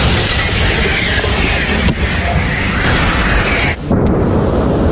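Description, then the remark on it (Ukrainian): A camouflaged heavy artillery gun near the coast fires a shell on command, its deep, loud blast rolling into a long rumbling roar that fills the air, briefly dropping off before the booming echo swells again. “Заряджай! Постріл!”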